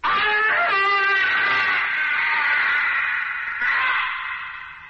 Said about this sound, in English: that piercing, shattering, evil scream that shriveled your tolerance to a shivering fear